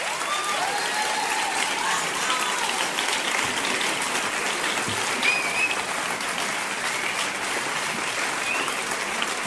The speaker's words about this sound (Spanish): Muchas gracias. Un fuerte aplauso para ellos.